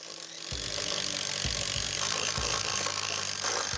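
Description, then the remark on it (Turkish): A power drill whirs in several short bursts, each spin-up bringing a low motor drone over a constant harsh, hissing grind. No one speaks. “Birileri bir matkap getirsin. Matkap bende.”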